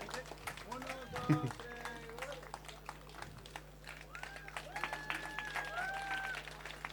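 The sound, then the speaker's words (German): A crowd applauds a band at an evening show, dense steady clapping that fills the whole seven seconds at a fairly even level, with voices and a few shouts rising over the applause. “Nochmal ein großer Applaus fällig.”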